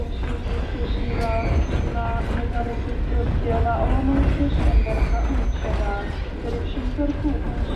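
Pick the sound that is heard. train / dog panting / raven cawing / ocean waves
train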